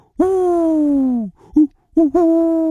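An owl hoot: one long, steady, drawn-out note, then two or three short clipped hoots after a brief pause. Loud, with no talking.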